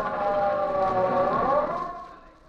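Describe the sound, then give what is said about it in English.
An ambulance siren wails steadily, its tone bending upward before fading away over a couple of seconds, loud and clear with no voices over it. “To start off with, we have a fellas who have the most dangerous job of all, the ambulance drivers.”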